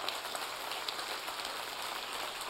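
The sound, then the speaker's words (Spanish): A large group claps together in praise in a dense, steady wash of applause, sustained and fairly loud throughout with no individual claps standing out and no voices. “Alábele con sus palmas.”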